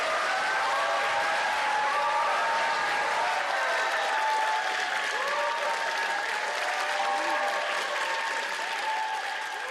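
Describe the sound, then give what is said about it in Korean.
Sustained loud applause from a large audience welcoming a singer onto the stage, a dense steady wash of clapping that holds for about ten seconds without easing, with no voices over it. “지금 그대로의 모습으로 큰 박수로 맞이해주시기 바랍니다.”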